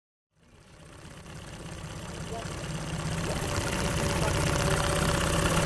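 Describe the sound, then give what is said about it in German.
The engine of a dark wooden tourist boat with a reed roof on Lake Skadar in southern Montenegro hums steadily with a low, throbbing drone, starting abruptly and gradually growing louder over several seconds. “Das Brummen, das Sie hier hören, ist das Boot”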